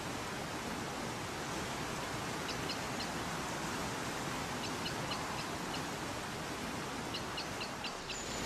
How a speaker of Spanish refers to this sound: A su lado, el río se precipita en varias cascadas consecutivas que en ocasiones alcanzan los 100 metros de caída vertical.